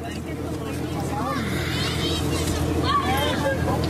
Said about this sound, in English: It's Thursday afternoon in Sandpoint, and the harbor is packed. Dozens of people crowd the small dock. Others sit along a wall overlooking the water.